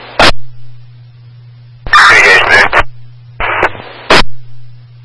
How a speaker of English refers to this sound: Last apparatus, you're static, can you repeat?